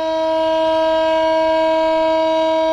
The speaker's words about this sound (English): A siren sounded for 1 minute to mark 3 years since the Hamas attacks on Israel.